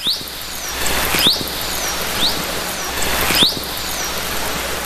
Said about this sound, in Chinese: 那我们下面呢可以先来听一段，来了解一下虎鲸的声音到底是怎么样的。首先呢，让我们来听一下虎鲸的口哨声。